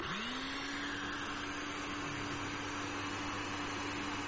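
A blender motor whirs up to speed within the first half second, then runs steadily with a loud, dense grinding roar as it blends washed peppers, tatashi and bell pepper, with onions; no speech throughout.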